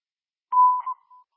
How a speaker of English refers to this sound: Alright, now we're on the fifth floor. Aerial 231, just be advised, you're unreadable with the alarm going. I can't hear you. Roger, you are unreadable due to the alarm in the background.